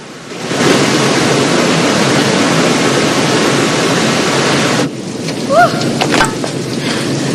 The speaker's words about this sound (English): White water thundering over a sheer drop into a tumultuous plunge pool, sending up clouds of mist.